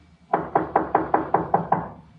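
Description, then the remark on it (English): A rapid series of eight firm knocks by a man on a wooden door, evenly spaced, ringing out alone with no voices. “Let him knock again.”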